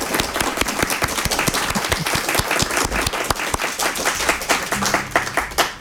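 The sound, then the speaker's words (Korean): An audience applauds the performers after their performance, dense overlapping claps sustained throughout at a fairly loud, even level, with no voices standing out. “네, 수고하신 연주자분들께 다시 한번 박수 부탁드립니다.”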